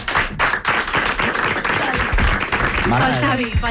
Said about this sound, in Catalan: perdona, un aplaudiment per...